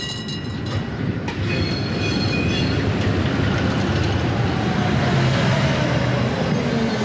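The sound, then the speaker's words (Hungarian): A red tram emerging from behind trees at the edge of a forest: its wheels screech against the rails in a high, thin metallic squeal that rises and slides over a steady, loud rolling rumble, with no voices. “Hirtelen fém csikorgás hallatszik. A fák mögött, abból az irányból, ahonnan a fények jönnek, piros villamos tűnik fel, mint valami látomás.”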